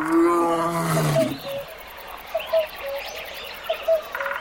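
A lion lets out one loud roar that rumbles for about a second, then fades, leaving scattered bird chirps over a quiet outdoor background.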